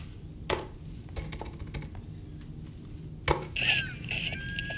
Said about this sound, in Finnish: Ja nyt jos sä kelaat siihen ovikoodin näpyttelyyn.